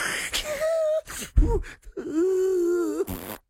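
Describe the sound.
A voice imitates snoring: a drawn-out nasal groan, a brief rough snort, then a longer wavering moan, all fairly loud with no other talk.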